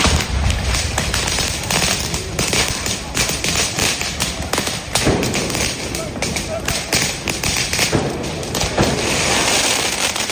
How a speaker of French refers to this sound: Un premier tir de mortier, puis un autre et encore un autre.